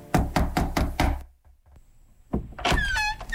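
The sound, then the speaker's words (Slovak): Five firm, evenly spaced knocks on the wooden door of the last cottage at the end of a village, loud, followed by a short pause and then a thin, high creaking squeal like a door swinging open. “Zastal pred poslednou chalupou, zaklopal na posledné dvere.”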